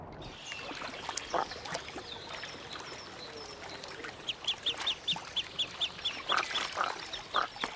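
High, thin peeping calls from young goosander ducklings on the water, faint at first then a quick run of repeated chirps, over soft splashing and lapping water.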